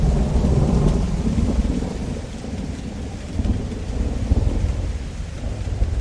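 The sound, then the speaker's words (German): Steady rain pours down while deep thunder rumbles continuously in the background, a dense, loud storm with no voices present. “Regen und dunkle Novemberwolken hängen über dem Boot”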